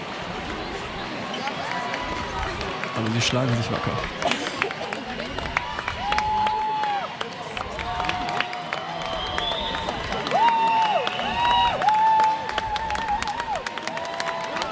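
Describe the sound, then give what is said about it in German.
A lively crowd at a boat race cheers and claps steadily as the Flinterkahn boat comes in, voices rising and falling in a dense babble, with scattered whistles and a man speaking over the noise. “Die Stimmen werden lauter, es wird sich gefreut.”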